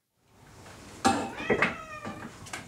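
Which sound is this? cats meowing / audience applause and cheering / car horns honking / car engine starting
cats meowing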